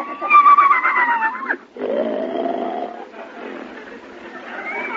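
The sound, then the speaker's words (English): A horse named Gulliver, with a rider on its back, whinnies loudly, a wavering high call that drops off after about a second and a half, followed by lower, rougher vocal noise that fades. “Well, you're facing the right way, but your legs shouldn't both be on the same side of the horse.”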